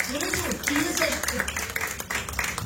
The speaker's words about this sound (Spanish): Ahora, cuánto dan una gloria a Dios, que nos prenda de palmas fuertes a nuestro Dios.